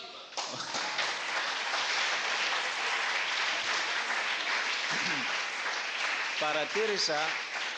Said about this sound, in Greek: Παρατήρησα προηγουμένως όταν αναφέρθηκε το όνομά μου ότι δεν αρχίσατε αμέσως να χειροκροτείτε παρά όταν αναφέρθηκε η σύζυγος